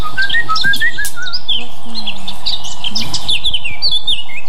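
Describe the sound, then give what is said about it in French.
A Eurasian blackcap sings a rapid, fluty warbling song, clear, its quick whistled phrases tumbling together without pause over a soft outdoor background. “C'est lui qu'on dit que c'est le rossignol de Mars, parce qu'il arrive avant lui et il chante déjà, il met de la mélodie, de la couleur dans les chants, qu'on a l'habitude.”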